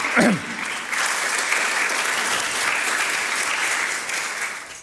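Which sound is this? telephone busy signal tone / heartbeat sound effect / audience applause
audience applause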